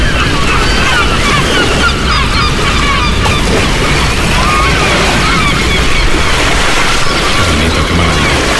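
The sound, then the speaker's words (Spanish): Loud, steady roar of rough surf and gusting wind as a storm rises at the port of Malpica, on the Costa da Morte in A Coruña, Galicia, with gulls crying repeatedly over the din throughout. “Aquí dentro, entre detrás del espigón, el agua está tranquila, las gaviotas gritan tranquilas y al fondo se está levantando un temporal.”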